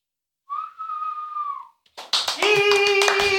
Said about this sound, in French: Merci beaucoup. Là, c'est le moment d'applaudir. Bravo.